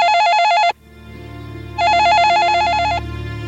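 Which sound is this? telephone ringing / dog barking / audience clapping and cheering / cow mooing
telephone ringing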